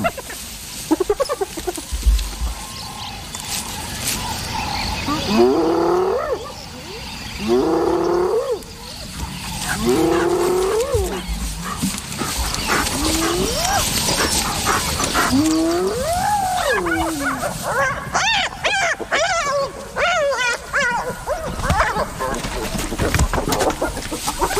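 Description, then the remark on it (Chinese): Three spotted hyenas squabble over a leg bone, letting out a loud run of rising, wavering yelps and whoops in quick succession, with more excited cries and scuffling noise throughout. “这三只斑鬣狗在争夺一根腿骨，可尸体的其余部分在哪儿呢？”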